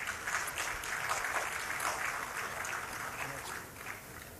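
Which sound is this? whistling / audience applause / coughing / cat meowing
audience applause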